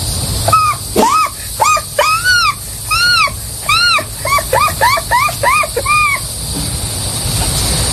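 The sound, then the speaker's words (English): A voice imitates an American herring gull's call: a rapid series of about fifteen loud, nasal, rising-falling yelps that speeds up in the middle, then fades into quiet background hiss. “Next, the herring, the American herring gull.”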